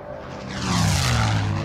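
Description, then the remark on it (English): A propeller airplane roars overhead, its droning engine swelling louder and its tone sliding downward as it passes, with no voices present. “And there it is, that airplane.”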